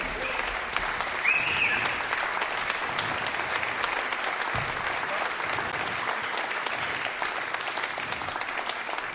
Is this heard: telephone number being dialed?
no